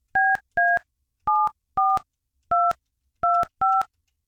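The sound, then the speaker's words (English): A phone number being dialed to call a woman, with seven crisp touch-tone beeps in an uneven rhythm, pairs and single presses with short gaps between them. The tones are clear, with no talking. “Probably no chance she picks up.”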